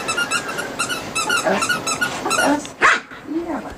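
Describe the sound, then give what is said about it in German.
A squeaky ball squeals in rapid repeated bursts as Sally, a female dog, chases and fetches it again and again on the lawn of a terraced-house garden in Wiesbaden-Bierstadt; she lets out a sharp, loud bark followed by a short whine, against faint outdoor background noise. “Hündin Sally jagt wieder und wieder hinterher und holt den Ball.”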